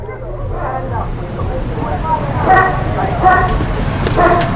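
A dog barks in several short bursts, spaced irregularly and moderately loud, over a steady low rumbling background noise.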